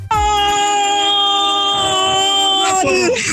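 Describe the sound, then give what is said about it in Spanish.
A young woman lets out one long, sustained shout of "goal," loud and steady at a high pitch for about three seconds before her voice breaks and trails off at the end. “No vaya a ser yo nada más la que sienta ahí como que el gritote de gol que vamos a escuchar de esta chica.”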